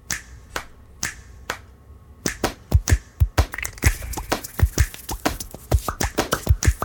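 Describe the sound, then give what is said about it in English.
A rhythmic piece built only from hand sounds: sharp finger snaps and claps, sparse at first, then quickening into a dense, layered groove of crisp percussive hits with no voices. “Hands can do incredible things. They made every sound in this piece of music.”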